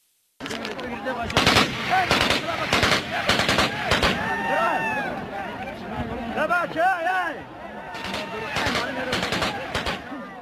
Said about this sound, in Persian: گفتند که افراد طالبان بر سر عواید یک معدن طلا در ولسوالی امگان با یکدیگر درگیر شدند. در این درگیری دست کم یک نفر زخمی شده است. در ویدیویی که از محل رسیده صدای تیراندازی پای باشنده می شود